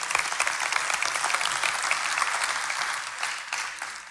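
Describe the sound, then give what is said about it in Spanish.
An audience claps steadily for several seconds, a dense, even wash of many hands with no voices rising above it, fading slightly at the end. “Y yo sé que aquí han venido muchas personas, sin querer aplaudir, hágalo.”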